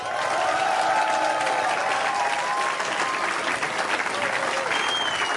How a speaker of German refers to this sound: eins ist klar, die Band, die ihr hören wollt, und das könnt ihr gleich mit eurem Applaus auch beweisen, wenn sie auf die Bühne kommen und es ist eine Latte an Leuten, das dauert also eine Weile, bis sie hier sind,